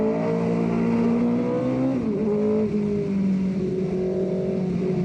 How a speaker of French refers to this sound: J'ai quand même 500 chevaux. Ça fait un bruit. Ce V8 Cosworth, mais il hurle. C'est impressionnant.